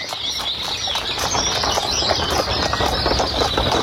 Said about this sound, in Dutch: Terwijl er een boer voorbij komt met paard en wagen.